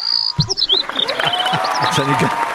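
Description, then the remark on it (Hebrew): An audience claps steadily in a dense, crackling wash, mixed with high whistled chirps and tweets that imitate birds. “קח לעצמך מחיאות כפיים.”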